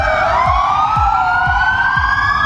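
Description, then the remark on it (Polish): Loud police car sirens wail continuously across Poland at noon on a Monday, switched on by stopped police officers in tribute to a killed police sergeant; several overlapping tones rise slowly, with low rhythmic pulses beneath about twice a second. No one speaks. “policjanci na Dolnym Śląsku, ale również w całym kraju zatrzymali się na chwilę, włączyli sygnały świetne dźwiękowe w radiowozach i oddali hołd.”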